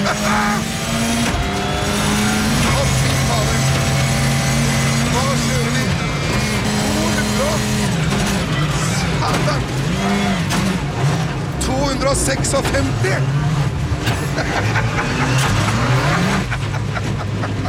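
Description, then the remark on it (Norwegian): A rally car roars at over 200 km/h on a mountain road at Gol, its engine revving up and down through gear changes with loud, continuous engine noise, while people's voices come through underneath. “vært i bilen med Henning Solberg på tur i over 200 kilometer i timen for noen år siden. Det hørtes sånn ut”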